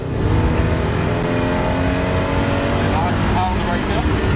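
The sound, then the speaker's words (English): A loud race car engine roars and revs continuously on track, its pitch shifting as it accelerates, with indistinct voices buried beneath the noise, as the car spins out. “And this is the moment that the spin out happened.”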